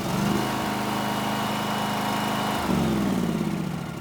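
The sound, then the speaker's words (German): A small engine-driven compressor powering a hydraulic combination spreader, a rescue tool for cutting or bending sheet metal, runs steadily with a low, droning hum, its pitch dipping briefly and then rising again as the load changes. No one speaks. “Angetrieben wird der Kombispreizer von dem Kompressor hier.”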